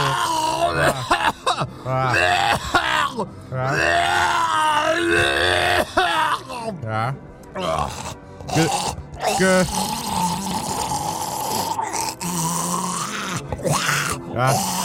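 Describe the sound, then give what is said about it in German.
A loud fit of coughing and throat-clearing, mixed with strained grunts and groans, going on almost continuously with only brief pauses for breath. “Gesundheit, …, ne?”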